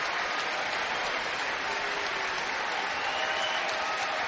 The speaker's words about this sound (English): And listen to this round of applause from the Tar Heel faithful for their stud ace, Jason DeCaro.